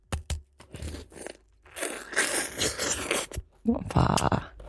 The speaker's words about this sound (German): Warte, ich will den Platschen, den will ich hören. Ich beiß jetzt rein, ja?